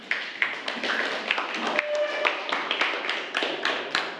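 A group of students in a class claps together to welcome a group 3 representative who will present on ten brain foods, a steady, dense burst of applause lasting several seconds, with individual sharp claps standing out over a continuous patter, and no one speaking.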